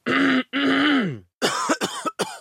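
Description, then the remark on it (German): A man acts out a very persistent cough: two long, strained, voiced hacks, then a quick burst of three or four harsh, rasping coughs, loud and with no talking. “hustet Ihnen jetzt was. Es beginnt mit einem sehr hartnäckigen.”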